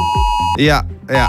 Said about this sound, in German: Ja, heute ist in Deutschland Warntag. Das heißt, um 11 Uhr klingeln eure Handys und geben diesen Sound hier ab.